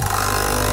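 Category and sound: machine, capsule coffee machine brewing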